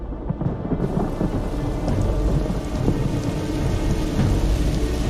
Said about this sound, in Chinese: 山地又迎来了雷雨频发的季节。